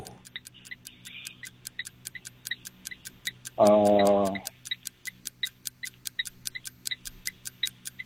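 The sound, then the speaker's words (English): A quiz timer clock ticks in a quick, steady rhythm throughout, with a short buzzing tone cutting in briefly partway through. No one speaks. “We're going to start the clock.”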